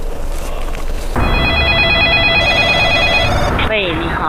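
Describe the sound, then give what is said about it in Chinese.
A telephone rings with a steady, bright electronic tone as a call is placed to the 12345 hotline in Beijing. The ring starts abruptly about a second in and holds loudly over a busy background before cutting off near the end. “情急之下，一个电话拨通了12345热线。”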